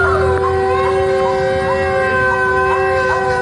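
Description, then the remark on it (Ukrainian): An air raid alert siren in the centre of Kherson wails in one steady, unbroken tone, loud and sustained for the whole stretch, with a faint low rumble of the surroundings beneath it and no one speaking. “У Херсоні звучить тривога. До речі, дуже такий специфічний, безперервний звук.”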